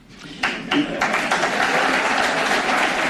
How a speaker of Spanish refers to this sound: Aplaudiments per a un Florentino Pérez orgullós del resultat que qualifica d'extraordinari.